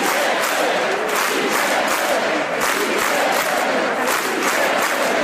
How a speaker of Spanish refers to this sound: Tras el programa, la Plaza de la Virgen se volvió a llenar al grito de «Sí se puede».